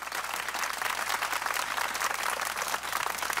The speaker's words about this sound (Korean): 여러분 뜨거운 박수 보내주시기 바랍니다.